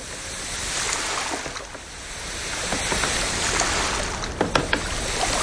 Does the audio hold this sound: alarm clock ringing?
no